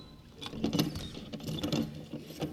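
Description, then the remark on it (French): A door latch is pulled and a mechanism clatters open with a series of rattling mechanical clicks and knocks spread unevenly over a couple of seconds. “Ne tirez pas la chevillette, non.”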